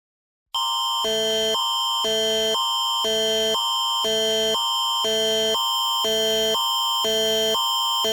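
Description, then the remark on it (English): A loud, harsh Alberta emergency alert broadcast tone, issued for a missing child in Calgary, blares continuously, alternating between two pitches in a steady rapid warble for about eight seconds after a brief moment of silence. No voices. “This is an Alberta emergency alert for an autistic missing child in the city of Calgary.”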